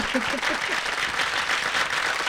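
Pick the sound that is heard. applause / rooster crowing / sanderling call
applause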